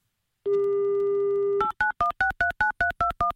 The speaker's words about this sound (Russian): Итак, набираем номер телефона.